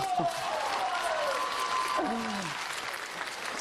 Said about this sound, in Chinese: 音乐停，掌声继续呀、啊。